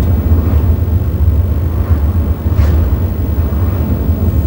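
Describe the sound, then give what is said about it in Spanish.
A steady, loud low rumble of a car engine heard from inside the cabin of a reverend's car driving home, with constant road noise and a few faint swishes of passing traffic, no voices. “Marian y Jack vuelven a casa en el coche del reverendo”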